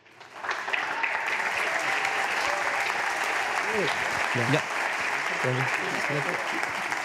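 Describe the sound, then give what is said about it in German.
Sustained applause from a crowd for the Christine Brückner Schule from Bad Emsal at an awards event, a dense, steady clatter of clapping, while a few voices speak and call out briefly over it. “Großen Applaus nochmal für euch.”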